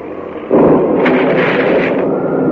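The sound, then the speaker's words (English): A sudden loud crash of lightning striking a seaplane bursts in after a low rumble, smashing the plane to pieces on fire, then a sustained roaring, crackling rumble carries on at full loudness with no voices. “Great heavens, lightning. Both the lightning struck the plane and smashed to pieces on fire.”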